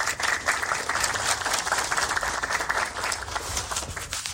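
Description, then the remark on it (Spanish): Steady applause from a crowd welcoming a senator and deputies, many hands clapping in a dense, even patter that holds at a fairly loud level for several seconds without talk. “Aplauso.”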